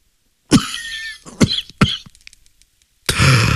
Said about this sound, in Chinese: 他被烟呛住了，不禁咳嗽了起来。